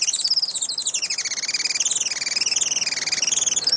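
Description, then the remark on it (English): Rapid, high-pitched calls of a Juan Fernandez firecrown, a bird found only on Robinson Crusoe Island, repeat in a continuous buzzy chittering series, rising and falling in pitch, fairly loud, with no voices present. “Today, conservationists with Oikonos ecosystem knowledge are working to restore the island's native forests and to ensure a bright future for the Juan Fernandez firecrown.”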